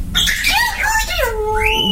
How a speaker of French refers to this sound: Et voici un perroquet. C'est fou.